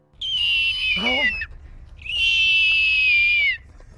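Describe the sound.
A person from Falmouth gives two long, high, shrill screeching calls in imitation of a hawk, the first dipping briefly with a warbling break, the second sustained and steady, loud.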